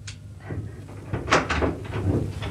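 An office door is opened, with a latch click followed by a few soft knocks and rattles as it swings, over a low steady hum. No one speaks.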